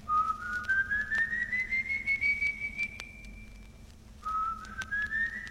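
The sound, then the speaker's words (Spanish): Two long, rising high-pitched whistles, the first drawn out for several seconds and the second starting after a short gap, sounding thin and eerie over a low steady hum. “Un nuevo silbido, esta vez más espeluznante y agudo, hace que Juan Hilario se detenga, un poco receloso, para enfocar con la linterna en todas direcciones, tratando de descubrir el misterio de aquellos silbidos, pero no ve nada, y continúa adelante.”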